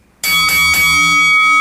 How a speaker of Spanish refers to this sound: Y es el momento de tocar la campana.